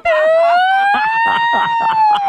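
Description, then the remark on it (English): A voice imitates an ambulance siren, a loud sustained wail that rises slowly and holds steady, with rough breathy texture underneath, heard alone. “After 25 years, has your siren ever broken and you've had to have your passenger hang out the window and go...”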